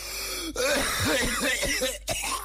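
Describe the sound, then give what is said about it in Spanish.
A fairly loud coughing fit: a rapid run of harsh, raspy hacks in quick succession, then a brief pause and one more rough cough at the end. “Oye, como que me acordé de alguien con esta tos cuando se enfermaba.”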